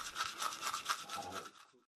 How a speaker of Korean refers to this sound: 혹시 통증을 줄여줄까 싶어 더 열심히 한다는 칫솔질.